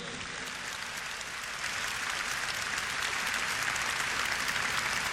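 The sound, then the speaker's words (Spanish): A crowd at the Metanoia religious gathering applauds God steadily, a dense wash of many hands clapping that swells slightly after the start and holds at a fairly loud, continuous level throughout. “Un aplauso a Dios que tanto nos quiere.”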